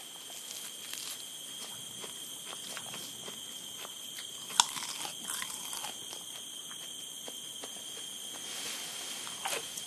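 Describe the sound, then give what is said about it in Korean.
Proboscis monkeys chewing salty mangrove leaves: irregular crunches and crisp snaps of foliage repeat throughout, with one sharper crack midway, over a steady high-pitched insect drone. “지금 가장 간절한 건 짭짤한 맹그로브 잎사귀 샐러드죠.”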